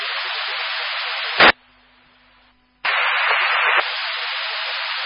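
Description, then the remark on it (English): Harsh, steady radio static on a dispatch channel hisses loudly, cuts off abruptly into a brief quiet stretch with a faint low hum, then bursts back in at full strength through the end. “Do you have a lot of static, or are you disregarding for Van Cal or for 60th?”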